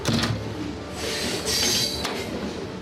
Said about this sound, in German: Langsam setzt sich der Zug in Bewegung, vorbei an Industriebetrieben, Kränen und Holzlagern.